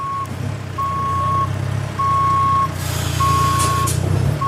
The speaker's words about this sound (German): Also du siehst überall was los. Transporter fahren, große Sattelzüge, Gabelstapler, abgeladen wird ein Stromaggregat nach dem anderen.